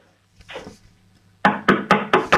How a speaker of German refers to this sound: So, jetzt geh mal zu einem Fenster und dann klopf mal an die Fensterscheibe. Aber bitte nicht mit dem Löffel, sondern mit der Hand.